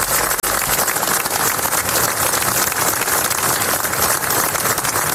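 Sustained applause from a large crowd closing a memorial act headed by Generalitat president Salvador Illa, in memory of the boys who died, a dense, steady wash of clapping that holds at an even, fairly loud level throughout without voices breaking through.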